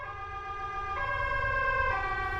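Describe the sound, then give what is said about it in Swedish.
An ambulance siren wails steadily with a strong, harmonic tone that shifts pitch in stepped intervals about once a second, over a low rumble of traffic or engine noise. No one speaks. “Sen så ligger jag där och får hjärt- och lungräddning i 16 minuter innan en ambulans kommer.”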